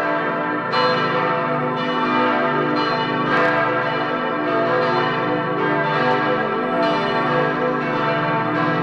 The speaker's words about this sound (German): die größte fast 3 Tonnen schwer. Und an Feiertagen, wie vor 6 Wochen zu Ostern, da erklingen sie alle zusammen. Noch bis Pfingsten dauert ja in den Kirchen die österliche Freudenzeit. Da können wir uns also noch am österlichen Glockenklang freuen.